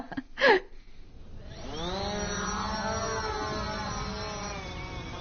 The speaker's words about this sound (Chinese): 行了，我去放无人机了。